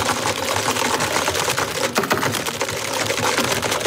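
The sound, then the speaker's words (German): Fast, dense clattering of keys on computer keyboards as people in an office compete over who types harder, a busy rapid rattle that continues steadily with no pauses and no voices, fairly loud throughout. “Wer tippt heftiger in die Tastatur?”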